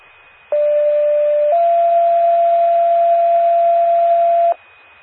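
Two steady electronic pager alert tones from McKibben County 911 paging Prairieland Ambulance (page 1305) play back to back, a one-second tone followed by a slightly lower, longer tone lasting about three seconds, loud and sustained over faint radio hiss.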